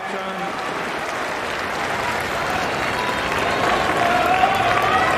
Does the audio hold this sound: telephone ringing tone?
no